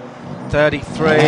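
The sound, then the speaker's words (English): The Honda engine of the number 33 race car roars to life as it pulls away from its pit stop, heard on a pit microphone, its whining pitch climbing in short surges over a low rumble, with a voice talking underneath. “There goes the Honda on Arjuna's pit mic there.”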